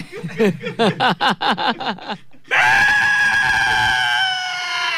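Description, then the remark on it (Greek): A sheep bleats in a quick series of about eight wavering, quavering cries, then lets out one long, loud, drawn-out bleat that carries to the end, unaccompanied by talk. “Και δεν σταματάει αυτό το πρόβατο.”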